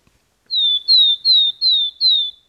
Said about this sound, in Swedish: Det där låter som en talltita. Helt riktigt.